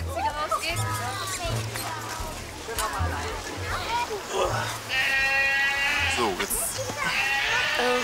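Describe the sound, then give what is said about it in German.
Several goats bleat repeatedly, their wavering, nasal cries overlapping, with occasional low thumps and background rustle in between. “Achtung, Ziegen, der Bär kommt.”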